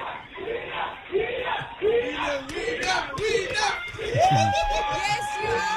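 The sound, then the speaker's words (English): A crowd of tourists, some of them German, atop Table Mountain at the Table Mountain Aerial Cableway chatters steadily, many overlapping voices blending into a dense, fairly loud babble, with an occasional raised or drawn-out voice poking through. “How's that crowd in the background?”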